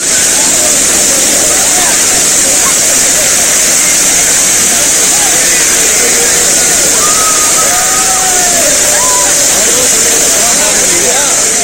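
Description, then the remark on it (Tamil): Water pours down Thirparappu waterfall in Kumari district, Tamil Nadu, at a moderate level after rain, in a steady, loud roar that never lets up, with faint voices and a few brief tonal calls barely audible beneath the rushing noise. “இதனிடையே தமிழ்நாட்டின் பெரும்பாலான மாவட்டங்களில் மழை பெய்து வருவதால் குமரி மாவட்டம் திருப்பரப்பு அருவியில் மிதமான அளவில் தண்ணீர் கொட்டுகிறது.”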